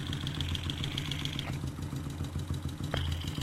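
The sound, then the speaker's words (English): A motorcycle engine idles, heard at the very front of the motorcycle at the bottom of the engine: a steady low throb with rapid mechanical ticking and a faint high whine that cuts out briefly and returns, with no voices. “And see just what different parts of the engine sound like. We're at the very front right now. At the bottom of the engine.”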